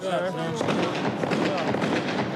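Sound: gunshots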